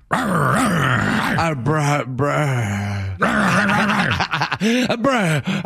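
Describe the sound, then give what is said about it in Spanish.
A person imitates a dog growling and panting, producing loud, throaty snarls and strained groans in continuous bursts, with a brief break before the rough growls resume. “Sí, jadeando ya.”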